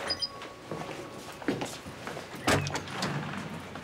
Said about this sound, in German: Polly, mach die Tür auf. Bestätige bitte den Sicherheitscode. 7844.